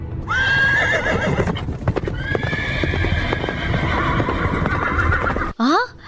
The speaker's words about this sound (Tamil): ஏதோ தேர்வரும் ஓசை கேட்கிறதே. இளவரசன் உதயகுமரன் வருவதாக வீரர்கள் ஒலி எழுப்பிக் கொண்டு வருகின்றார்களே.